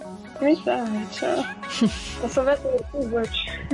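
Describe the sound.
A cat meows several times in quick succession, with rising and falling wavering cries, fairly loud, while voices seem to murmur underneath.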